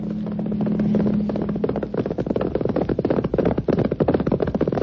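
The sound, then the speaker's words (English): Horse hooves gallop in a fast, steady clatter of loud hoofbeats, building after a low humming tone fades out in the first couple of seconds. “On horseback.”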